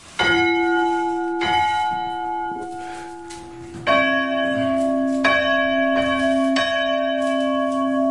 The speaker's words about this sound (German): Und nur für mich lassen wir jetzt noch die Glocken läuten. Also, wir haben eine kleinere und eine größere Glocke. Welche machen wir? Erstmal die kleine.